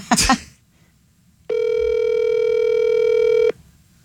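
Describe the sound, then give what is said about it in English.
A phone call to Rod's regular phone: a short click, a brief pause, then a single steady electronic ring tone that holds for about two seconds and stops, with no voice answering. “Rod's not even answering his regular phone.”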